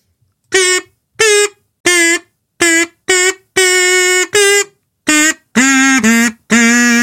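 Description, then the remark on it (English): A buzzy, nasal kazoo plays a short tune for the radio quiz '1 Second Wonder', about a dozen detached notes, mostly mid-pitched, dropping lower toward the end, each note loud and clear with no one talking. “Right, time for the 1 Second Wonder, which today, of course, with it being a Thursday, comes beautifully played on the kazoo.”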